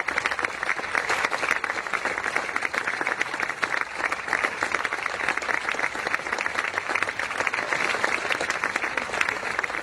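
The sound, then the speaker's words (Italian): Sustained applause from a group of people clapping together, a dense, steady patter of many hands that stays loud and even for the whole stretch without pause. “la saggezza di Maria Grazia va applaudita. Applaudiamo ancora, dai, applaudiamo ancora insieme.”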